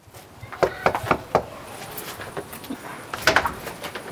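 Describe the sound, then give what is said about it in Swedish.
Four quick, evenly spaced, moderately loud knocks on a wooden front door by Green Party (Miljöpartiet) campaigners canvassing door to door before an election in Uppsala, Sweden, on a Monday evening, followed after a pause by a brief muffled rattle and some faint rustling. “Ekot följde med när Kristdemokraterna och Miljöpartiet knackade dörr.”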